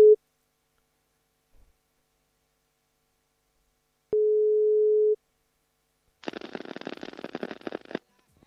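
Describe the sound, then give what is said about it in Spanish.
A telephone ringback tone as a radio host calls a listener's cell phone: a steady electronic hum sounding in about one-second pulses with long silent gaps, then a burst of crackly line static as the call connects. “A ver, llamamos aquí.”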